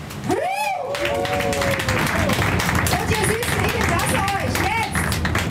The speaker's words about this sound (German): Und ich würde sagen, Barkasse Meier, habe ich das 100-jähriges Jubiläum, ja, machen wir nochmal einen großen Applaus.